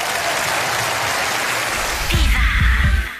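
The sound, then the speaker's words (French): An audience applauds loudly and steadily, a dense wash of clapping throughout, with a few deep thumping bursts joining in during the final second. “mesdames et messieurs, applaudis très fort.”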